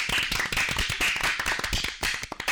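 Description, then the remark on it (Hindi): A burst of applause from a small group after a correct answer in a quiz, dense irregular hand claps filling the whole couple of seconds at a steady, lively level with no voices over it. “बिल्कुल सही जवाब, जोरदार तालियां।”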